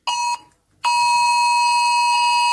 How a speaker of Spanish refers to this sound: Es el mensaje de esa alerta de Protección Civil que llegaba a los teléfonos y que ha sobresaltado a más de uno. Parecía una alerta catastrófica y total, es un eclipse.